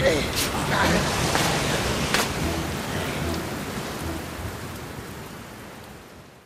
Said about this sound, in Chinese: 哎，不好，打雷了！